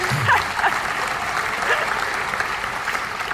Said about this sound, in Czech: Zatleskali takové sebe kritice.